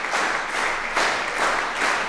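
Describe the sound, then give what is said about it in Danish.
A large concert audience claps together in a steady rhythm and whistles as the musicians come up to bow, the dense applause swelling in regular pulses roughly twice a second, loud, with no talking. “Men inden da, der skal vi i hvert fald lige have musikerne op og bukke endnu en gang for publikum, der klapper taktfast, kan I nok høre. Og pifter også.”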